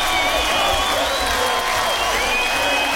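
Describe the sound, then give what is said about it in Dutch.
Sustained, dense audience applause fills all three seconds at a steady, loud level, with crowd noise and a few high whistle-like tones riding over the clapping. “Wat een applaus.”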